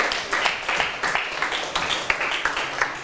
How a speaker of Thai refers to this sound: ถูกต้องครับเก่งมากปรบมือเพื่อนๆหน่อยครับ